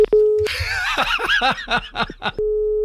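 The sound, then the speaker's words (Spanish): A steady telephone dial tone hums after a faint click as the phone is hung up, breaks off for a couple of seconds of rapid, bursting laughter, then resumes at the same even pitch. “¿Se me ha vuelto a colgar el teléfono?”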